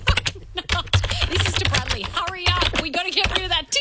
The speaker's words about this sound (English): Oh, are you typing out an email to him now?